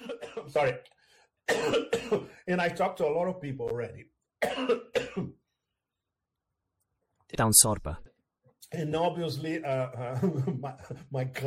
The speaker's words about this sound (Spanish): Y obviamente, mi tos sigue ahí.